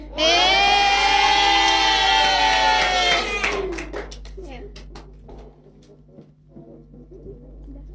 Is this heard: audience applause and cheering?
yes